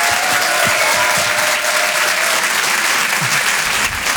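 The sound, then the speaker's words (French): Loud, sustained applause from an audience at a stand-up comedy show at the Apollo, as a comedian is introduced on Rire et Chanson. It is a dense, steady wash of clapping that holds at an even level for about four seconds, with no voices standing out. “Je vous demande de l'encourager, on peut l'applaudir très très fort.”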